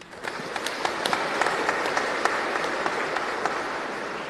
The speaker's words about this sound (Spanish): Queremos agradecer a las personas que hoy rezaron el Santo Rosario. Muchísimas gracias y le agradecemos con aplauso.